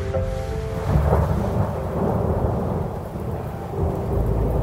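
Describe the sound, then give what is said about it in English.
Deep, rolling thunder rumbles continuously through a storm, loud, with steady rain hissing underneath and no voices. “You see, kids, we aren't afraid of the storm because we know that God is in control.”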